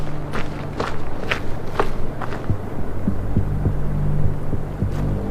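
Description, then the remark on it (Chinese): A low, steady engine-like hum throbs underneath, with a run of crisp footsteps in the first half and soft thuds scattered later; no one speaks. “像汽车发动机的声音。”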